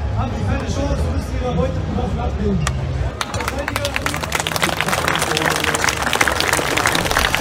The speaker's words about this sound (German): Die Zuschauer hinderte es nicht daran, lauthals zu applaudieren.